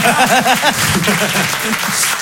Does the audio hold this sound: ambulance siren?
no